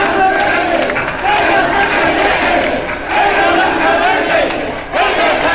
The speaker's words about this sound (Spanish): Tras escuchar el himno ceutí, hubo un minuto de ovación y este cántico principalmente.